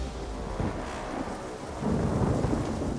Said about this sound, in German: Die Ereignisse überschlagen sich, das Wetter schwenkt um. Starkregen, Steine, Hagel prasseln auf die Helfer nieder.